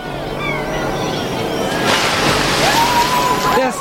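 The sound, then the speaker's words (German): A heavy crate is thrown into a river and splashes, followed by water sloshing and churning continuously, fairly loud, with faint voices murmuring in the background. “Werft die Kiste da drüben in den Fluss.”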